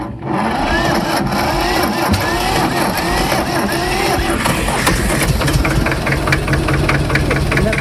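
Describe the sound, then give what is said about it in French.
A small green petrol tractor being tested runs steadily, its loud knocking idle chugging without pause, with a rattling mechanical clatter and a brief murmur of voices in the background. “Allez, on teste un autre tracteur, le petit vert.”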